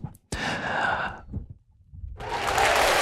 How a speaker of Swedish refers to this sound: Och de applåderna var inte från kommunfullmäktige. Det kunde ha varit det, eller hur? Borde ha varit det.